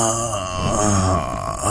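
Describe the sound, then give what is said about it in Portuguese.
A man lets out a long, low, satisfied groan, fairly loud, sustained for nearly two seconds as he sits down in the seat of his Ferrari car; a voice imitating an old man's contented sigh. “Senta-se como um velho contente ao sentar-se.”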